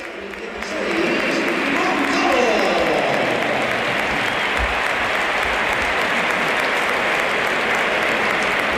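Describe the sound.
A large stadium crowd at a Real Madrid football match breaks into sustained applause as Gonzalo, scorer of Real Madrid's only goal, is substituted off. The applause swells after the first second and holds steady, a broad wash of clapping with murmuring voices mixed in.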